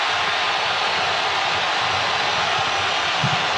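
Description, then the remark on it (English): A huge crowd of Colombian football fans roars during the second half of a match in a dense, unbroken wash of noise that holds loud and steady throughout, with no voices standing out and no talk over it. “And that's the loudest roar we've had from the Colombian fans in the second half.”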